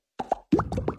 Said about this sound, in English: This is an Aero. And this is the sound of its minty bubbles.